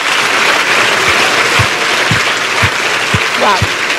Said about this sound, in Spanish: Ay, sí, ese es el aplauso.